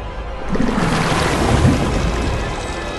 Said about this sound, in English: The chain brings a rowboat bearing the carved post across the water.